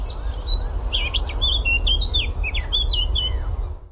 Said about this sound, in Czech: No, tak to nemůže být nic jiného než zpěv pěnice černohlavé, jednoho z nejzdatnějších zpěváků v naší krajiny, zároveň jednoho z nejběžnějších našich ptáků